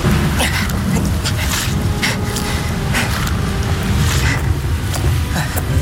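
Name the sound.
thunderstorm with rain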